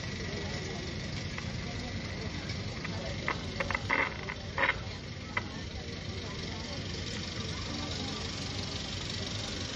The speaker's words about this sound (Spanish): demos espacio para que llegue el carro.